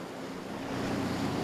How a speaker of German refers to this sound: Obendrein haben sie heute ordentlich Wellengang.